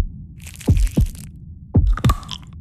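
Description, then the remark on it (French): A heartbeat sound effect in a radio advertisement for Pierre Marcolini chocolates in Brussels: two pairs of deep, booming thumps in a slow lub-dub rhythm, layered with crisp crackling and crunching textures and a low rumbling hum underneath, with no talking. “Vous entendez ? Ce sont les chocolats de Pierre Marcolini qui font battre le cœur de Bruxelles.”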